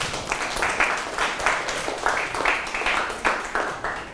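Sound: classroom applause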